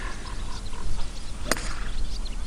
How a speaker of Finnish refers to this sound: se on pallo laitettu tiille ja nyt valmistaudutaan ensimmäiseen lyöntiin